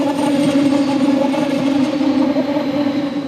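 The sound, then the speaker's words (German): A train on the line between Bayerisch Gmain and Berchtesgaden rolls past, its steady, loud whirring and humming rail noise droning evenly for a few seconds with a low rumble underneath, no voices present. “Schon lange, bevor man den Zug sieht, baut sich ein schwirrendes Geräusch auf, das immer lauter wird, bis der Zug vorbeifährt.”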